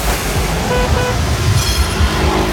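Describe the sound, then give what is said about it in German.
Dense traffic rumbles steadily in a traffic jam on the Mittlerer Ring in Munich while several car horns honk in short, overlapping toots, moderately loud, with no one speaking. “Stau am Mittleren Ring.”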